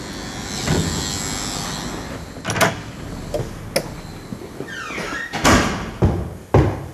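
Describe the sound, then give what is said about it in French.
A heavy front entrance door of an apartment building in Paris's 20th arrondissement is opened: a series of sharp metallic clunks and latch clicks, a brief squeak of hinges, and a final thud, all over a low background hum. “Bonjour, voilà, il faut franchir la porte devant et troisième étage.”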